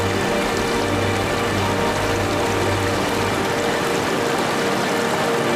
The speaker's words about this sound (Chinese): 一阵暴雨过后，海拔1200米处的情侣瀑布水量丰盈。男儿瀑落差大，颇具阳刚之气。其左侧的瀑布女儿泉蜿蜒曲折。